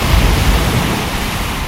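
Ocean surf rushes steadily, with a dense, broad, loud roar of breaking waves, low rumbling weight and no voices.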